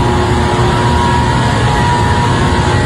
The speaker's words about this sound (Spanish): es una máquina con una cosa arriba que da vuelta, que esa es la pieza, ¿verdad? Ahí la prendieron. Escucha cómo prende.